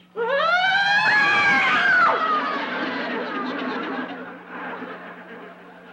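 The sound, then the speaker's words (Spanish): A child's high voice wails a rising, sustained siren-like tone imitating an ambulance siren while playing ambulance, loud, with other children's voices and giggling mixed in as it gradually fades. “Es que me asustaste con tu grito. Sí, ¿cuál grito, mami? Era la sirena de la ambulancia.”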